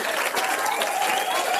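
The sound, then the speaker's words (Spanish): Dense, steady applause from an audience, many hands clapping at once in a continuous wash of sound, fairly loud, with no voices standing out. “El aplausote que se merece.”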